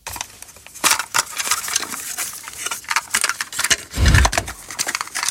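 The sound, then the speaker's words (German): Irregular sharp plastic clicks and clacks from a cassette player being handled, with one heavier, deeper clunk partway through; no talking. “Oh, dieses Plastikklackern. Pure Nostalgie. Der gute alte Kassettenspieler im Kinderzimmer damals oder als Walkman unterwegs.”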